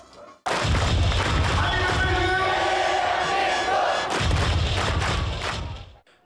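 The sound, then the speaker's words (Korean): A huge crowd of Red Devils football supporters roars and cheers continuously in red-filled Gwanghwamun Square, backing the national team at the North and Central America World Cup: a dense wall of shouting voices with heavy low rumbling thumps, swelling loud throughout before cutting off abruptly. “붉게 물든 광화문 광장이 함성으로 쩌렁쩌렁 울립니다.”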